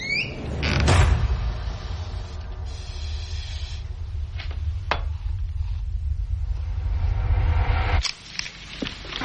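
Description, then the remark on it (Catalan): Household kitchen noises from the film Jeanne Dielman, 23 Quai du Commerce, in a widow's home: a few sharp door and cupboard knocks and slides, spaced apart, over a steady low rumble, with a brief high doorbell ring near the start. No one speaks. “Aquest soroll una mica de cuina, de timbre, de casa, de porta, perquè estem parlant de Jean Dillman, en 23 Quai du Commerce, si vols utilitzar en francès, però t'ho direi malament.”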